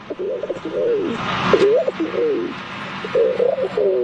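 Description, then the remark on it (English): A 12-year-old boy's voice imitates a rock pigeon, making several throaty, rolling coos in short bursts, fairly loud against a faint background hiss. “The rock pigeon.”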